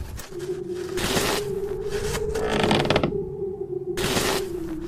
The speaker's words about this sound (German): Schiebt wieder Schnee.